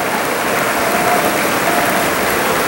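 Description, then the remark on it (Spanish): A crowd bursts into steady, loud applause given to Christ in praise, a dense wash of many hands clapping together without pause, with no voices rising above it. “¿Cuánto pueden dar un fuerte aplauso a Cristo?”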